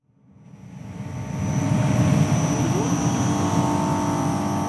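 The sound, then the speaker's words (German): A low, constant electrical hum from 28 shipping-container-sized battery storage units at the Arniberg power plant in Gurtnellen, Canton Uri, Switzerland, by the motorway toward the Gotthard; a broad whooshing, fan-like roar swells up in the first second and then holds steady, topped by a faint, thin high-pitched whine. “Wäre da nicht dieses leise, konstante Brummen? 28 Schiffscontainer große Batteriespeicher stehen vor dem Kraftwerk Arniberg in Gurtnellen”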